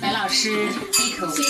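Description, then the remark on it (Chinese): Glasses clink together in a toast at a dinner table during a Chinese and Western meal, bright ringing tones that hang briefly before a second cluster of clinks, with people talking and chattering around the table. “哦，好，来干杯。”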